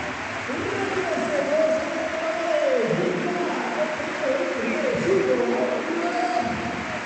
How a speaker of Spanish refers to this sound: Escuchamos también el aplauso de balaídos al primer goleador y al asistente del segundo.